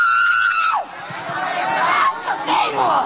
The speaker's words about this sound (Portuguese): Vai gritando para Jesus queimar ele. Vai embora, sai daí, Satanás.